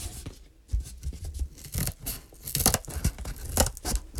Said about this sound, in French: Toudou prend les petits ciseaux pour découper les murs de la maison en carton.